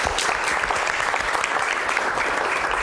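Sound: audience applause welcoming guests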